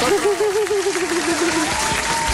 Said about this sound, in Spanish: Un aplauso, gracias, para él, claro que sí